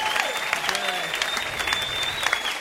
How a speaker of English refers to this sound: How about a round of applause for everyone that you've seen tonight, huh?